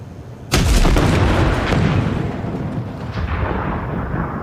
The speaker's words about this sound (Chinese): 啥玩意儿爆炸了？